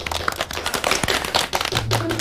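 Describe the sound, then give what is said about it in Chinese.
A group claps steadily to congratulate the winning bidder in the restructuring of the Longfeng distillery: dense overlapping hand claps forming a continuous, fairly loud patter for the whole stretch, with a faint low murmur of voices underneath. “你咋不鼓掌啊？”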